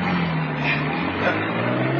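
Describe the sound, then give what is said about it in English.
A car engine hums steadily and loudly, its low drone rising slightly in pitch as the vehicle pulls away, with a faint rushing noise over the top and no talking. “Now drive. Get those wheels moving.”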